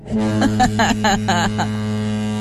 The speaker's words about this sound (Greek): Λοιπόν, μόλις ακούς λοιπόν το χαρακτηριστικό ήχο της κόρνας του παγωτατζή.